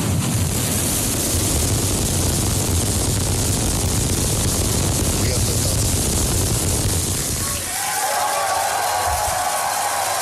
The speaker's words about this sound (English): rocket blasted off from its new launch pad in Texas last night. 5, 4, 3, ignition.